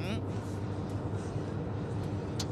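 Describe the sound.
A steady, heavy low rumble of trucks approaching on a highway toward Ercilia in thick fog, unseen, constant and fairly loud throughout, with a faint muffled voice in the background.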